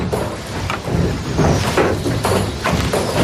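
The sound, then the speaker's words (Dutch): A windmill-driven pump draining water from a peat polder stamps and pounds in a steady rhythm, heavy thuds repeating under a constant rumbling, creaking mechanical drone. No one speaks. “En je hoort zo dat gestamp en dat gebonk. Dat dreunt zo over dat veengebied.”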